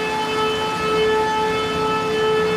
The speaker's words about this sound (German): Als die Sirene ertönte und als die Zeit kam, wieder zurück in unsere Schlafsäle zu gehen, bin ich in die falsche Richtung gegangen.